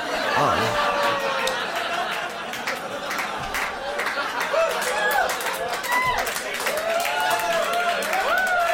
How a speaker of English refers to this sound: Take a second. Take it all in, because that was there's a lot of different reactions. Some people clapped. Some people cheered.